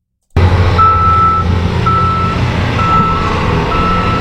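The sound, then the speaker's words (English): Loud, steady city traffic and construction rumble in Regina, three to four blocks east of a mosque, with a heavy vehicle's reversing alarm sounding four long, evenly spaced beeps. No voices. “East of the mosque, the city's usual sounds quickly took over. Construction, traffic, and people going about their afternoon became louder than the prayer itself.”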